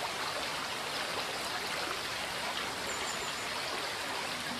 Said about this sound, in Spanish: El Arazas se descuelga aquí en una serie de escalones que ofrecen el soberbio espectáculo de sus ruidosas aguas modelando la roca calcárea que le sirve de cauce.